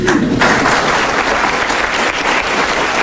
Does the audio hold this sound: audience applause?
yes